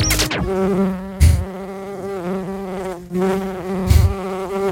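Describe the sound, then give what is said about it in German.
A steady insect drone with a harmonic hum, like a bee buzzing continuously for several seconds, punctuated by two brief low thumps. No voices. “Na, Biene?”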